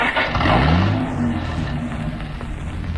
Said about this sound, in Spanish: Harrison pone el auto en movimiento.